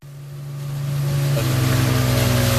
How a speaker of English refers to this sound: Coming ashore on a desert island. There is boat. You are now on the island.